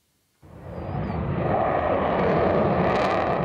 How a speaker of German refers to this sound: Ein bisschen wie Szenen aus dem Film Top Gun wirken die Vorführungen der Jets über Nordholz. Laut und schnell in engen Kurven ziehen die Eurofighter hier ihre Show ab.